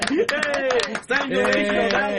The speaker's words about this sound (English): Yes, I'll clap for that. Yay!